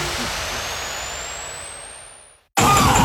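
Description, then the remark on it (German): A car engine running badly, a loud, rough roar with a rising whine that strains and fades for about two seconds, cuts out abruptly, then bursts back in harshly. “Wenn euer Fahrzeug so klingt, dann gibt's nur eins.”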